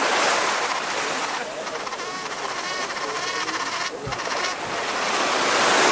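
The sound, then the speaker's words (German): Sea waves wash in a steady, continuous roar with a fresh wind blowing over them from the sea, loud throughout, with a faint buzzing tone briefly threading through the middle. “Der Wind weht frisch vom blauen Meer”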